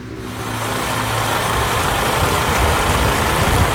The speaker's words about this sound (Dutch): Komt de bus aan in Ter Apel. Ook 6 mensen met grote koffers stappen uit.